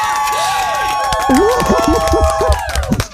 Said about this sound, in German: Applaus, Applaus.